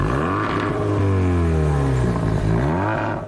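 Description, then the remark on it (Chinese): A motorcycle engine revs loudly, its pitch swelling upward and then easing back down in one continuous, throaty surge with no voices. It is an unlicensed motorcycle found by traffic police near the junction of Duzhong Road and Xiyi Avenue in Bozhou, China. “在市区杜仲路与西义大道交叉口附近，市公安局交管支队高新大队发现一辆摩托车无牌上路。”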